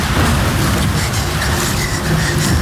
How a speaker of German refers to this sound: Himmel, das Gewitter muss jetzt genau über mir sein. Das ist ja lebensgefährlich.